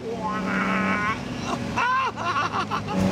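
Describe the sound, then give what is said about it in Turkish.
An Austin-Healey 3000 classic sports car engine runs with a steady, throaty low hum and rising and falling harmonic tones, while a man's voice talks over part of it. “Hepiniz gidip bir Austin Hayley 3000 bulun.”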